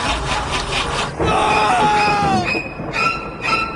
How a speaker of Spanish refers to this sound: Hay algo más de terror que un auto que no enciende.